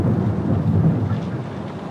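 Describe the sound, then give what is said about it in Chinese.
A deep, steady rumble of thunder rolls continuously through the whole moment, heavy and low, with a faint hiss of rain underneath and no voices. “我想暴风雨就要来了。”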